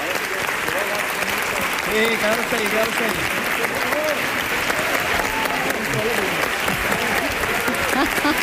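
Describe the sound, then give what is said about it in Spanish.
A large audience on its feet gives a standing ovation, clapping loudly and steadily throughout, with scattered cheers and shouting voices rising over the dense applause, and a few words called out amid the noise. “Ovación del público puesto en pie, ¿eh?”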